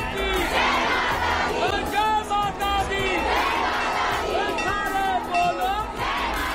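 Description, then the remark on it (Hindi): A large crowd of devotees in Chamoli, Uttarakhand, chants and shouts praise of the goddess Maa Nanda as her yatra begins after 12 years, in loud, overlapping voices, with rising cries surging repeatedly over a steady roar throughout. “चमोली में 12 साल के इंतजार के बाद जब एक बार फिर मां नंदा की बड़ी जांच शुरू हुई तो पूरा वातावरण माता के जय घोष से गूंजता रहा।”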